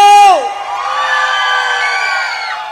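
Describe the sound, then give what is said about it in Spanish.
An audience at a night concert celebrating a 20th anniversary in the port of Veracruz shouts and cheers loudly, beginning with a strong high whoop that drops away into a sustained roar of many voices, holding steady before tapering slightly at the end. “¡Un grito!”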